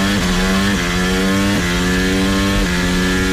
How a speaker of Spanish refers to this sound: Coches por las calles de la ciudad. La Fórmula 1 en el circuito urbano que entusiasma a los aficionados y a la Comunidad de Madrid, pero irrita a gran parte de los 14.000 vecinos directamente afectados, que van a soportar ruidos muy superiores